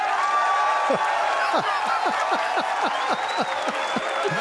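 A continuous wash of sound like a round of applause, steady and loud for several seconds, with repeated short downward-sweeping tones falling in a fairly regular rhythm through it.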